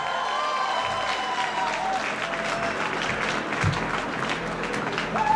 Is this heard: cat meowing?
no